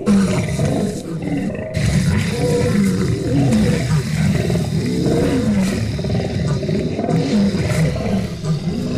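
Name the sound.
lion roaring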